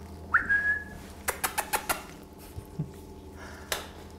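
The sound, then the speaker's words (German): A kea parrot, among young keas in a parrot baby station during a vet's daily visit, gives one clear, high whistling call that rises and then holds briefly. A quick run of sharp clicks or taps follows, then a few softer knocks. No one speaks. “Tägliche Visite der Keas.”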